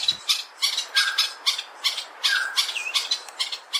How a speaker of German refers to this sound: So klingt es, wenn der Greater Honey Guide, der große Honiganzeiger, auf sich aufmerksam macht. Ganz klar, dieser Vogel möchte was. Er hat ein festes Ziel und er will, dass man ihm dahin folgt.